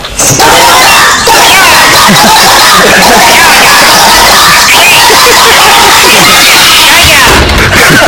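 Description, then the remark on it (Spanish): Several children, the speaker's own kids, shout and scream at once in a loud, chaotic, continuous din, heard when the door to the room they are in is opened; high-pitched voices overlap with no pauses for the whole stretch. “Claro, si fuman no gritan de esa forma”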